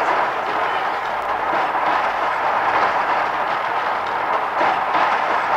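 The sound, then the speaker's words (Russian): A tram rumbles steadily along its rails with a constant, loud roar and faint rhythmic clatter, with no voices heard. “Я бы тоже ни за что не забрался в трамвай, если бы не вы.”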